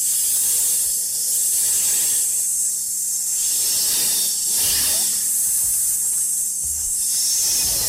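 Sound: snake hissing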